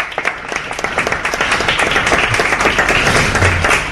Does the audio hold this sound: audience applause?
yes